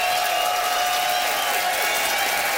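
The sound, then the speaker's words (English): An audience applauds steadily, a dense, even wash of clapping with some crowd noise mixed in, holding at the same fairly loud level for the whole stretch with no voices over it. The audience is voting by applause for comedian Charlie Demers's side of a debate on renewing wedding vows. “It is up to you to decide, audience, by applause, who thought that Charlie had style for rewalking the aisles.”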